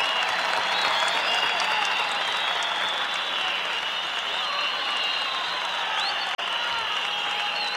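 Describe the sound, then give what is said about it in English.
Sustained applause and cheering from a large concert audience for a symphony salsa orchestra, a dense, steady wash of clapping at full volume for the whole stretch, with a brief dropout near the end. “Ladies and gentlemen, the orchestra, a round of applause for a true symphony salsa orchestra.”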